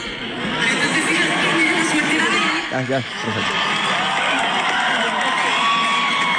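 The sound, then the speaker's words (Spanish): A large crowd in a played video shouts and cheers continuously, a dense roar of overlapping voices with scattered whoops, loud and steady throughout with a brief dip near the middle. “No, es que no sé, no escucha claramente en este video. Quería una gritería.”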